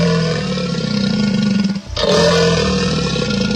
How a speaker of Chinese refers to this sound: 这是鳄鱼，它的叫声是这样的。